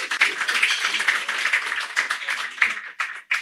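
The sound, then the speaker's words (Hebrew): A crowd at an event with ministers, rabbis and Knesset members applauds the staff steadily, many hands clapping together in a dense, continuous patter that stays fairly loud throughout, with a few sharper claps standing out and no voices. “נפתח בברוכים הבאים לכל השרים, כמובן לכל הרבנים החשובים, לכל חברי הכנסת, לעובדים היקרים והנפלאים שבלעדם כל הדבר המיוחד הזה לא היה קורה, ומגיע להם, מגיע להם מחיאות כפיים.”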